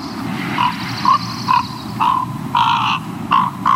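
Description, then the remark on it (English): Soft, gurgling warbles from a raven during courtship, a run of short burbling notes in uneven bursts, over a low rumbling background, with no talking. “And during that ritual, they may make these warbling sounds.”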